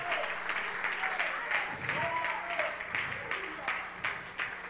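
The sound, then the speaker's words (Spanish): An audience applauds Christ steadily for several seconds during a church altar call, a dense wash of many hands clapping at once, loud, with faint voices or sustained tones murmuring beneath the clapping. “Del otro aplauso a Cristo.”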